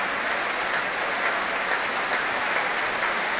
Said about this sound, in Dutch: Nu ook applaus voor trombonist Jurgen van Rijen.